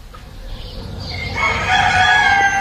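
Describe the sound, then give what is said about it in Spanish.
Roosters in Cantabria, Spain, crow at 6 a.m. behind the walls of their corrals, stretching their necks, in overlapping calls, one taking over from another, loud and sustained with a steady low rumble of farmyard background beneath; no one speaks. “Los gallos, de azas de cesto, en Cantabria, se replican y reafirman tras las tapias de los corrales, estirando el cuello.”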